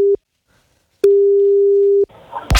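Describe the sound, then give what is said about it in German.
A steady, mid-pitched telephone ringback tone: the tail of one ring, a pause, then a full one-second ring, followed by a click and line noise as the call is picked up; a radio presenter calling a listener to give away a prize. “Dafür müsst ihr nur ans Telefon gehen, so wie … jetzt.”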